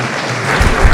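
An audience applauds in a dense, steady wash of clapping that swells slightly toward the end, with low thumps underneath and no speech.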